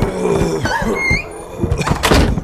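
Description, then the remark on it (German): A door creaks open with a drawn-out, rising hinge squeak, framed by a few soft thumps and rattles, fairly loud, with no voices. “Auf einmal ging die Tür auf und ihre beiden Meloks kamen, ein wenig zerzaust, hereingestolpert.”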